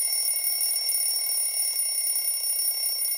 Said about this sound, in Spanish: No puede ser. Otra vez este maldito despertador.